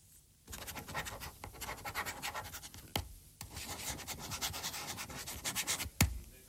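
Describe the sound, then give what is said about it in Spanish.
A red ballpoint pen held in the hand scratches steadily against a surface right by a lowered microphone, a dense, rasping sound lasting about six seconds, broken by two sharp knocks. Nobody speaks. “Creo que es el boli rojo, ¿verdad? Sí, es el boli rojo.”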